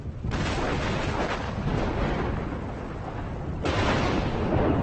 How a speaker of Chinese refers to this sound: 雷声越来越响，风虎也越来越焦急。